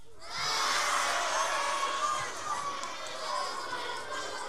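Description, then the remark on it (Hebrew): A large studio audience shouts together on a host's cue to shout louder, a loud, sustained roar of many voices blending into a dense wall of noise, rising quickly and holding steady for several seconds before easing slightly. “יותר חלש, ואתם יותר חזק.”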